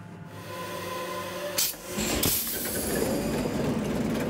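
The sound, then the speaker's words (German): The original eight-cylinder 540 hp engine of a ship that supplied gas and paraffin to Norwegian lighthouses, recently fully overhauled, runs in its engine room with a steady, loud mechanical drone, low rumbling tones under a broad clattering hiss, with two brief surges of harsher noise partway through. “Der Maschinist zeigt ein Video, wie der 8-Zylinder arbeitet.”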